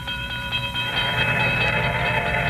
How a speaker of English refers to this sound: Stopped the car at a sleepy little junction just across the border into Oklahoma to let a train pass by.